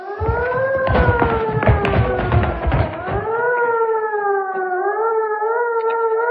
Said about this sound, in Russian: Много раз за службу слышал я этот сигнал боевой тревоги. Не раз он поднимал меня из теплой постели и бросал в кромешную осеннюю слякоть, в зимнюю пургу, в теплый летний ливень и в невыносимую июльскую жару.